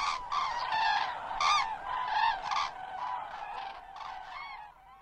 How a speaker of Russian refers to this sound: И журавли прокричали три раза не как утром «Победа», а похоже на «Спите, но помните, мы вас всех скоро разбудим, разбудим, разбудим».